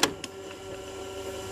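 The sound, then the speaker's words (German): Two sharp plastic clacks as a cassette tape is pushed into an old 1984 Walkman, followed by a steady low mechanical whir of the tape motor running, with no talking. “So, wir schieben mal wieder ein Tape rein”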